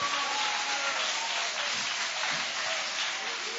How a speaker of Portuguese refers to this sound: Pode ser mais forte essas palmas que é para Jesus.